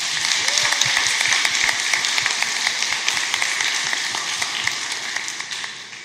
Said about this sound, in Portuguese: Vamos acolhê-la com uma bonita salva de palmas.